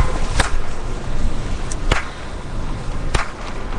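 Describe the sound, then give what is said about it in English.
Three sharp, loud hand claps in a workshop, made to test the echo for echolocation, spaced about a second and a half apart, each followed by a brief echo, over a steady hiss of background noise with no talking. “Like, to me, there's the clap, some space, but it, like that half of a microsecond later, you hear, you'll hear the echo.”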